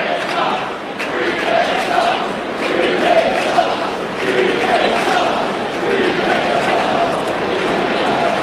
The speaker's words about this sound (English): I know the crowd is chanting with my headset on. I cannot make out exactly what it is.